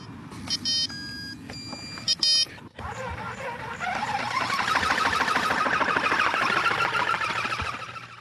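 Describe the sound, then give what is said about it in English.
A short run of electronic beeps and tonal chimes plays in quick bursts as a drone's battery is slotted in and it connects to its controller, then gives way to a steady, buzzing whir that swells louder and holds as the drone's motors spin up. “The battery simply slots into its little place here. It'll fire up. It connects to the controller.”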